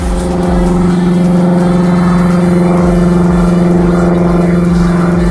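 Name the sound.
airplane engine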